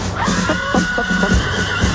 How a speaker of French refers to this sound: Il y a des chevaux. Il y a des chevaux et du clairon. Comme on l'a vu, c'est une cavalerie. Ah bah oui, ça peut être une cavalerie.